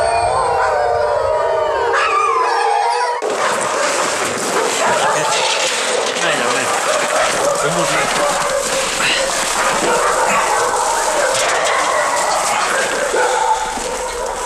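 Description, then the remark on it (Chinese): Young wolves kept by Gao Weidong howl in thin, wavering cries with yips and whimpers, loud; after a few seconds a dense, noisy wash of sound swells up and runs beneath the calls. “不看不知道，在大多数地方，人们只能在动物园里才能看到的狼，在高伟东这里还真不少。包括这几只小狼在内，绝大部分是刚刚入冬就被牧民抓住的，其中有的甚至已经落下了残疾。”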